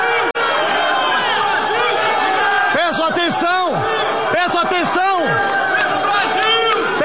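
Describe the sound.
A loud, packed crowd in a legislative plenary shouts and cheers, celebrating the defeat of Jorge Messias, while Alcolumbre calls for attention to proclaim the result; a continuous roar of many voices with several bursts of rising, falling yells midway through.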